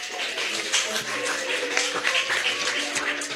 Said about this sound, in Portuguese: Palmas para Jesus.